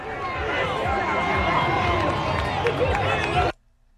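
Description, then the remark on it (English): A large crowd cheers and shouts loudly and continuously, many voices overlapping into a dense roar, for about three and a half seconds before cutting off abruptly; Cape Verde fans at a World Cup watch party at Townfield Park, Massachusetts. “was celebrating with a crowd that gathered for a watch party at Townfield Park.”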